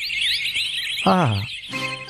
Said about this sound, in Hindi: ऐसा लग रहा है चिड़ियों की चहचहाट दोपहर में सुबह कैसे हो गई है।